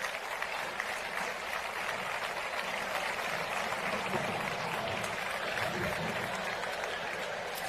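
A large audience claps steadily and continuously, a dense wash of applause at even loudness with no one speaking over it, filling the whole stretch without pause.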